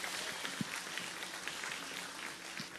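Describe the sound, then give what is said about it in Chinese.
An audience applauds in praise of the Lord during a worship service, many hands clapping in a dense, steady wash that holds an even level for the whole stretch, with a few sharper claps standing out. “极大的掌声归给主。”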